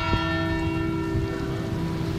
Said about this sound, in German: Genau, die Glocken der Pauluskirche.